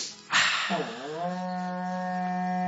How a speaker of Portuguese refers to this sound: Toca o berrante para nós aí